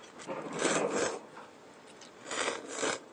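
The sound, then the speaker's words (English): Two long, airy slurps of noodles with their soup, each a wet, hissing rush of sucked-in air lasting about half a second, with a short pause between them and no talking. “By slurping, you're eating not just the noodles, but also the soup that comes with it.”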